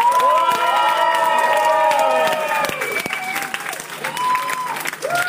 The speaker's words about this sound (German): Einen klassischen Applaus.